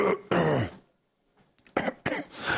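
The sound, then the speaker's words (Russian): A loud bout of wet, phlegmy coughing and throat clearing: one long rasping hack, a brief pause, then a few more harsh, gurgling coughs in quick succession. “Да уже такой отхаркивающий кашель просто пошел, поэтому бэмс.”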